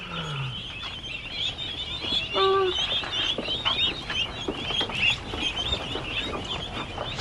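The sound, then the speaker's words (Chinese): Ducks calling, a steady chatter of high peeping over a low background hum, with one brief, louder nasal quack near the middle. No one speaks. “我看看，好好玩的鸭子哦。”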